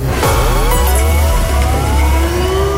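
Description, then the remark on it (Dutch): A loud Radio Rijnmond contest alarm jingle, played as an example, signalling a chance to win an emergency radio: siren-like electronic tones glide up and down in overlapping sweeps above a steady low rumble, continuous throughout with no voices. “Dit is het voorbeeld, dus dit is niet het echte alarm.”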